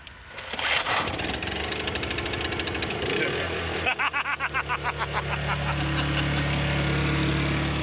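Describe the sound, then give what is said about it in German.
A small built-in power generator, started from inside, cranks with a rapid chugging rhythm, sputters and catches, then settles into a loud, steady running drone with a low hum. “Stromaggregat und das können wir von innen anziehen. Also das können wir von innen starten.”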